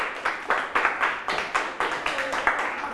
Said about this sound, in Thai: จากโรงพยาบาลบำรุงราษฎร์ปรบมือให้เพื่อนด้วยครับ